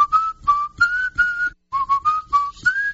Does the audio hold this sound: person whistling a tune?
yes